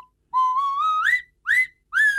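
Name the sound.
nose whistle being played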